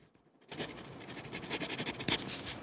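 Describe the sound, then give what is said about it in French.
A continuous scratching of a pen writing a note on paper, with rapid irregular strokes and small bursts, steady and fairly quiet, with no voices. “Est-ce qu'on va entendre le bruit du stylo?”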